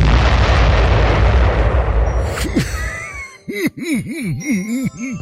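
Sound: explosion sound effect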